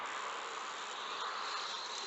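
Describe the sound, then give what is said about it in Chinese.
A steady, fizzing electrical discharge hiss with a faint buzzing edge, a weak recorded discharge sound emitted at about 50 decibels, continuous and unchanging for about two seconds, with no voices. “那个滋滋声就是我们采集到的放电声。”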